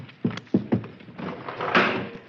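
An old car engine, said to sound like a Paris taxi cab, sputters with three low, uneven chugs, then settles into a rough, noisy running rumble that swells briefly near the end. No one speaks.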